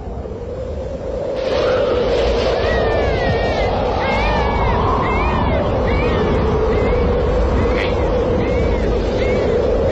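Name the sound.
newborn baby crying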